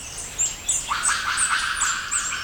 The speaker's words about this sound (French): J'entends un cri aigu qui semble se déplacer au-dessus de ma tête. Un oiseau ? Enfin, je n'ai pas l'impression que cette bestiole vole, mais plutôt qu'elle se déplace dans les arbres. Avec ses petits cris aigus, ça ne peut être qu'un singe.